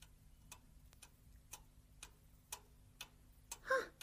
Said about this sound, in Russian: А это что? Ох, часы, чик-чик-чик.